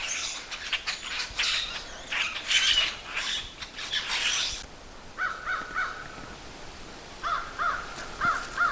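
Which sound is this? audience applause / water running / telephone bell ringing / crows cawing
crows cawing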